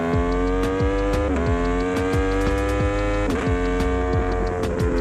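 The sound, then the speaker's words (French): A motorcycle of about 190 kg, ridden on a racing circuit among other competitors, revs steadily with a droning, harmonic whine, its pitch sweeping up and dropping back several times as it accelerates and shifts through gears, including downshifts without the clutch, loud and with no talking. “Là on accélère sur l'ombre. Et vraiment pouvoir descendre les rapports sur touche à l'embrayage, c'est très confortable.”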